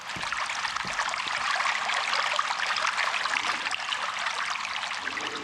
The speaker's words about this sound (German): Ich finde, das tut gut, auch einfach nur das Wasser plätschern zu hören angesichts bevorstehender Tagestemperaturen von bis zu 40 Grad in den kommenden Tagen.